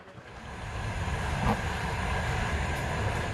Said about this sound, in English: This train goes from the westernmost town of Lviv to as far east as it is possible and safe for it to go right now